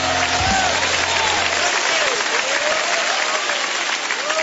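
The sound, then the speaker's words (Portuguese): An audience claps steadily in praise to Jesus and God, a dense, sustained wash of many hands that stays loud throughout, with faint voices calling out beneath the applause. “Palmas para Jesus, palmas para Jesus. Louvado seja Deus. Pode louvar a Deus com as palmas, aleluia.”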